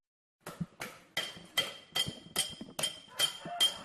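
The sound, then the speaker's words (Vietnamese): A small hammer taps on silver during traditional Cham silver engraving of ritual objects in Bào Trúc village, Ninh Phước commune, Khánh Hòa province, Vietnam: about eight even strikes, each a sharp, bright metallic tick with a short high ringing tone, after a brief silence. “Giữa không gian yên tĩnh của thôn Bào Trúc, xã Ninh Phước, tỉnh Khánh Hòa, tiếng búa nhỏ gõ nhịp lên mặt bạc vang lên đều đặn, không ồn ào như tiếng máy móc trong các xưởng cơ khí.”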